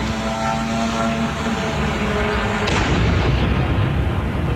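A Russian drone's steady, buzzing engine drone with layered tonal hum runs for a few seconds, then is cut off by a sudden loud crashing blast as it crashes into a Romanian apartment block on a Thursday night, leaving a rough, rumbling roar behind it.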